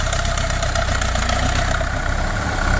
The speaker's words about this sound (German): Hier ist MDR Sachsen-Anhalt, 8.42 Uhr haben wir es und wir starten schon mal unseren Traktor.